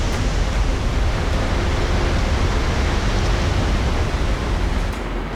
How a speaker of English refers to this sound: It is loud in there. That is a massive amount of water, thunder like coming up from the inky blackness down below. It is a scary place in there. Way too much water right now. Ripping down below us.